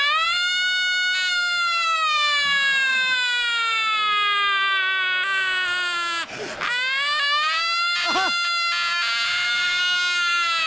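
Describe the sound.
A man's voice loudly imitates a firefighters' fire engine siren during a pre-match football broadcast, holding a long, slowly falling wail, breaking briefly twice for quick swoops before carrying on.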